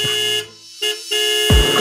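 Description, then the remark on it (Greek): A car horn blares in several short, loud honks, with brief gaps between blasts and a final longer, insistent honk; no voices are heard over it. “Πάτα τώρα και την κόρνα”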